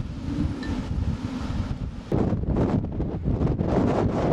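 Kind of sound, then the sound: nature, strong wind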